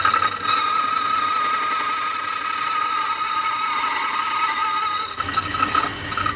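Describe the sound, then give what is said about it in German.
A key duplicating machine cuts a new key from a blank, a tracer running over the original key while the movement is transferred to the blank; a loud, continuous high-pitched whine with a rasping edge and a brief dip near the end before resuming. “Ich gehe mit dem Taster über den Schlüssel und die Bewegung wird genau auf die andere Seite übertragen. Es wird laut.”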